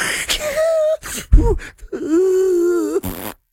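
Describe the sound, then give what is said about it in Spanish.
A person imitates snoring: breathy, rasping noises alternate with drawn-out, nasal, groaning tones, three or four bursts in a row, fairly loud, with no talking. “Eso es otro ronque.”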